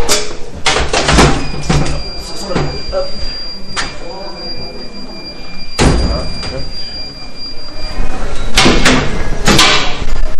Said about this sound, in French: Là, c'est quoi? C'est le petit ascenseur à électroménager? C'est ça, exactement. Donc c'est là en fait on monte des machines à laver, un peu tout quoi. Ce que j'allais dire, une machine à laver oui, mais un frigo il passe pas là-dedans.